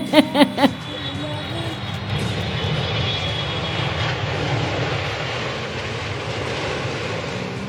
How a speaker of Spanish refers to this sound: Y aquí está el avión, aquí en Tomás Archondo, en la puerta de la emisora.